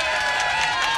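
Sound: clapping and cheering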